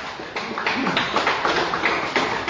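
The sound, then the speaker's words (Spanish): A crowd applauds for Christ, many hands clapping in a dense, continuous patter that holds a fairly even loudness throughout, with no voices standing out above it. “Dale un fuerte aplauso para Cristo.”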